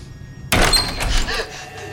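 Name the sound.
door thudding shut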